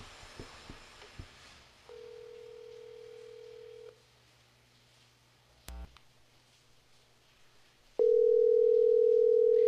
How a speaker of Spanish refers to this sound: Está timbrando su teléfono.